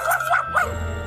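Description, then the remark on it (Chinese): A dog, Odie from Garfield, gives three quick, yappy barks in a fast rhythm, then falls silent while a low steady hum carries on underneath. “坏狗狗，欧弟走开，你这个超级坏狗狗。”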